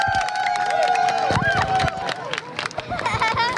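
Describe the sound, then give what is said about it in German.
A large crowd on the Kronsberg in Hannover, Germany, erupts in loud cheering and excited shouts as the solar eclipse reaches its peak, with a sustained high whistle or whoop early on and overlapping voices clamoring throughout. “Die Sonnenfinsternis erreicht ihren Höhepunkt und Jubel bricht aus.”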